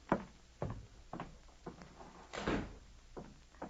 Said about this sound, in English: Would you mind shutting the door while I talk to you? Well, of course I will.